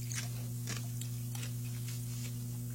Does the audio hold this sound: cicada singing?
no